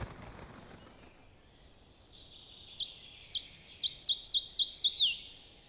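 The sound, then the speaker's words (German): A red-breasted flycatcher sings a quick, evenly paced series of about a dozen high, thin notes that grow louder and slightly descend, rising out of a quiet background with no talking. “Das gilt für den Zwergschnäpper ebenso wie für seinen bekannten Doppelgänger, das Rotkehlchen.”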